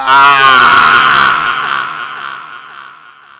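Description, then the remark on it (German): A man lets out a single loud, anguished scream of pain as a burning torch burns his face, raw and strained, held for a few seconds before slowly trailing off. No other voices or sounds accompany it. “Der schmerzerfüllte Schrei weckte mich.”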